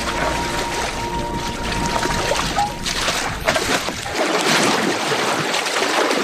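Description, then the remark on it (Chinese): Mare's milk churns and sloshes in a bucket as it ferments, lactic acid bacteria producing carbon dioxide and fine bubbles; after three days it becomes sour mare's milk. A continuous, fairly loud splashing and gurgling with no voices, easing slightly toward the end. “上下翻涌的奶桶中，乳酸菌代谢产生二氧化碳，泛起绵密的气泡。”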